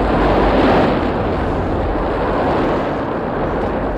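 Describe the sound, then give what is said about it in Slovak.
A loud, continuous roar of crashing ocean water, swelling early and then rumbling on as a broad, hissing wash of surf with no voices. “Pozor, nová vlna! Rýchlo dolu!”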